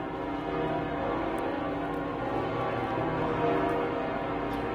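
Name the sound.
church bells pealing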